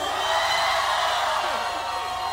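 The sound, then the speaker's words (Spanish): A crowd shouts and cheers joyfully, a shout of joy to Jehovah by people gathered in a city theatre in Mexico, many voices merging into a dense, loud, sustained roar that holds steady for a couple of seconds without pause. “Un grito de júbilo.”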